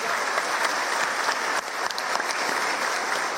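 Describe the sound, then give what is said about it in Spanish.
A crowd in Paso Llovay, Guairá department, Paraguay, applauds a local community member during a speech, steady and loud dense clapping with a brief dip midway before resuming at full strength. “Y estoy seguro, un aplauso”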